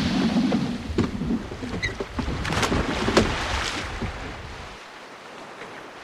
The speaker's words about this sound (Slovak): Proč si odtisol svoj čln späť na more?